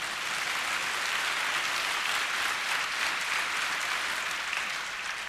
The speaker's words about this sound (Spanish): Vamos, alguien aplauda al Señor, por favor.